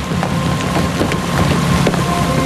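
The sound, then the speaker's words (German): A boat that has already left the harbour moving across the water: a steady low engine rumble under a wash of spray and wind, with occasional slaps of water against the hull. “Aber als wir dort ankamen, hatte das Boot schon abgelegt.”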